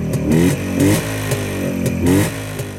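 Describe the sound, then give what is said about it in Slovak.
A motorcycle engine revs up loud, its pitch surging upward in several quick bursts over a steady rumbling idle, with no voices present. “ak sa niekto preháňal po lesoch a lúkach na autách alebo na motorkách.”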